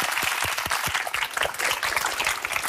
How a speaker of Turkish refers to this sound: O zaman heyecanlanan bir alkış veriyoruz arkadaşlar, kocaman.